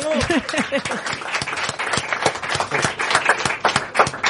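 An audience bursts into sustained applause, dense overlapping claps filling the whole stretch at steady loudness, with a brief voice or cheer at the very start.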